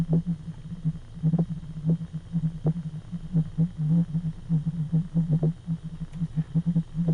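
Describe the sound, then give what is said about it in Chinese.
Low, hollow whale song of the 52-hertz whale: a deep tonal moan pulsing in a steady, repeating pattern for several seconds, with no voices, slightly muffled, as if heard underwater. “各位应该知道啊，在海洋当中，最大的哺乳动物鲸鱼，它是用歌声来互动的，鲸歌可以传很远。”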